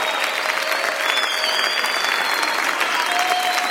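A crowd claps steadily and densely throughout in praise of Jesus, a continuous wash of many hands applauding together, with faint tonal notes drifting underneath.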